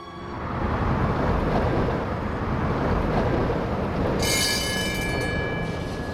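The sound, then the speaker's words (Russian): A tram rumbles steadily along the rails with a continuous low, noisy roar, and a high metallic wheel squeal rises in over the last two seconds. No one speaks. “А, в трамвайчике катались?”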